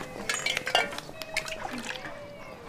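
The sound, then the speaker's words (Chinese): Boiling hot water is poured from a kettle, splashing and trickling against a cup, with a few light clinks of crockery mixed into the steady liquid sound. “哎呦，这水滚开的啊！ 好， 水冲放这儿了。”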